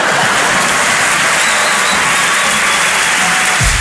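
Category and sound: crowd, audience applause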